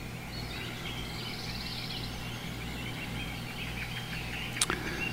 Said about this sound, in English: All right, we're back in the forest by the glen, by the glade, with the birds and the frogs.